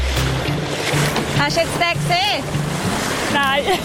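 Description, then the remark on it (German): A small rowing boat out on choppy Lake Zurich, with steady wind and waves washing all around and a low rumble underneath, while voices talk briefly over it. “Und vor allem zum Beispiel bei diesen Wellen, wenn jetzt ein Schwimmer wäre, hätte ich sehr wenig Chancen, um ihn zu sehen.”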